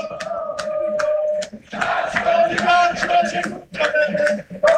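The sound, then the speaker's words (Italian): A stadium crowd of football fans chants loudly and steadily during a league match involving Benevento in the third round, many voices blending into a sustained, droning song with sharp accents and a brief dip midway. “Sentiamo i cori dei tifosi ancora una volta.”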